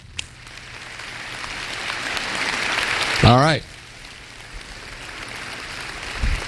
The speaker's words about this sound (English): Why'd you clap? I didn't say, okay, one, two, three.